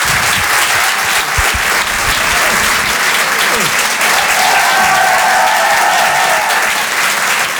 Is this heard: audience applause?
yes